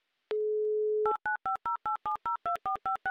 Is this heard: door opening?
no